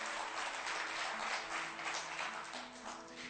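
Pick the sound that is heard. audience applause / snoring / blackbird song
audience applause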